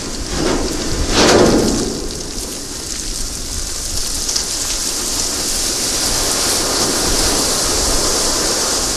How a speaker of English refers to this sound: there are also very cool sounds in Antarctica. Here is a recording you made of the ship hitting sea ice.